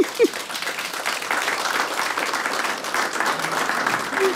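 A crowd applauds steadily, a dense even patter of many hands clapping that holds at a fairly constant level throughout, with a brief vocal sound at the start.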